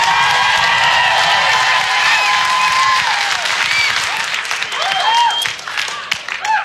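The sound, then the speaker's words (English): Loud, sustained applause from a large audience voting by applause that they like pie more than cake, dense clapping with cheers and whoops rising above it, easing slightly toward the end. “Still using the applause as vote system.”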